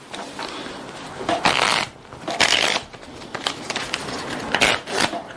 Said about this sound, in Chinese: 所以呢，我们需要先去控牌、洗牌、切牌。